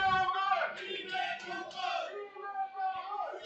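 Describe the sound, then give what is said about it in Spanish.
Football supporters of Las Rozas shout and cheer together at a local match against Torrejón in a loud, sustained chant, voices blending into a rowdy crowd roar from the stands. “La verdad es que se oye bastante a la afición ahí como sí. Gritan y cómo anima lo de Las Rozas, cómo aprieta, ¿eh?”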